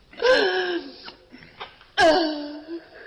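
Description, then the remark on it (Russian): An old woman crying: two drawn-out, quavering sobbing wails with shaky, gasping breaths in between, fairly loud and with no talking. “Ну, не плачь, не плачь, не надо, ну не плачь.”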